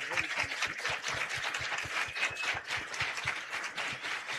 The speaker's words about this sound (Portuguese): Nossos aplausos à Nossa Senhora.